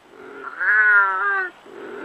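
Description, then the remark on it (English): A wild cat, Britain's only native cat still found in the wild, lets out a single loud, drawn-out yowl lasting about a second, framed by a lower throaty rumble just before and after. “Efforts to revive the only native cat still found in the wild in Britain.”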